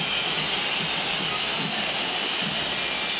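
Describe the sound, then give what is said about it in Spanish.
A football stadium crowd whistles in loud disapproval as River leaves after a defeat, a dense, continuous high-pitched hiss of countless whistles blending into one steady roar with no pauses and no speech. “Hay una silbatina estruendosa, 3 de 3.”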